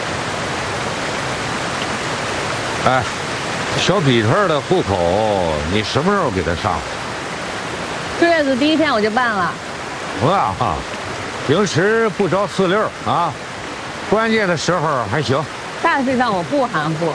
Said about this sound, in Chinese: 哎，你这是干嘛呢？这天 不老下雨吗？